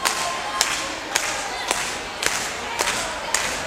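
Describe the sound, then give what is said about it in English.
Steady, evenly spaced hand claps, about seven sharp slaps at a moderate beat, ring out over a constant hiss of crowd noise. “We need a little bit of hand clapping out there.”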